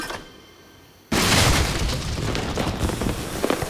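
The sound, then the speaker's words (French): After a second of near silence, a seed cannon fires with a single sudden, loud boom, followed by a long rumbling, hissing tail that slowly fades without dying out. “J'ai tout ce qu'il me faut pour faire fonctionner le canon à graines.”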